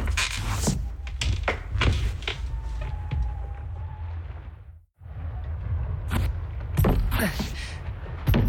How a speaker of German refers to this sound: Ich bin am dichtesten dran. Ich versuche mal, mit meinem Stuhl dahin zu ruckeln.